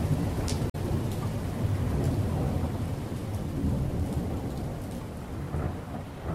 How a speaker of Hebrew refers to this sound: בעוד 8 דקות מגיע מבול רציני, הייתי מדווח להם באמצעות רשת הקשר הפנימית של הספינה, ומצחקק לעצמי ברשעות, כשבדיוק 8 דקות לאחר מכן הריה שוטף את הסיפון גשם זלעפות, ומרטיב אותם עד התחתונים.